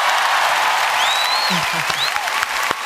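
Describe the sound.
Steady, dense applause from an audience fills the whole moment at close range, with a few whistles and faint voices rising over the clapping.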